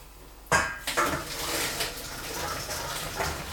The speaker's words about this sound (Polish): Ja sobie tutaj jeszcze odcedzę i zahartuję makaron.